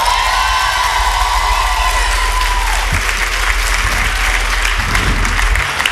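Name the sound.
audience applauding and cheering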